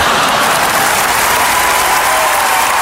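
Steady applause from a crowd, dense overlapping claps filling the whole stretch at a fairly loud, even level with no voices standing out.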